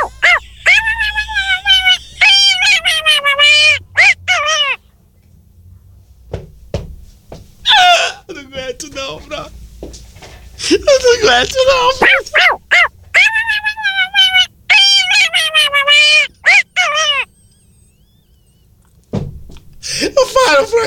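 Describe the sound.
A person's voice imitates a dog barking in a series of loud, drawn-out, wavering high-pitched yowls, broken by short pauses and a few choppy vocal sounds in between.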